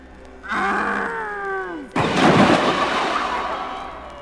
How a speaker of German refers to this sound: Habt ihr es gesehen? Der Wolf ist in den Brunnen gefallen. Ja, er ist in den Brunnen gefallen.